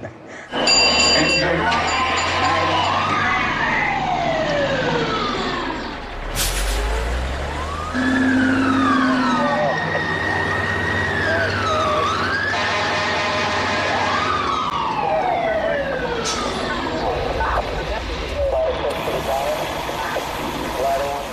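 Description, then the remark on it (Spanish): A loud fire alarm siren wails, its pitch sweeping up and down again and again in overlapping cycles over a steady low engine rumble. “Créeme, cuando suene la alarma, vendrán a buscarte.”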